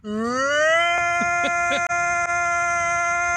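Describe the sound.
YouTube personality Frankie McDonald imitates a tornado siren with his voice: a loud, buzzy wail that rises in pitch over the first second, then holds one steady note for about three seconds with a couple of brief catches.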